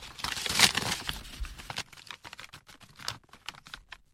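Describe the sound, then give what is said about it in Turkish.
Crisp rustling and crinkling of a paper letter, an informant's denunciation letter, being unfolded and handled, a dense burst of crackle at first, then scattered lighter ticks and rustles as it settles, with no voices. “Dürüstlüğünüze güvenerek bize gönderilen ihbar mektubunu göstereceğim size.”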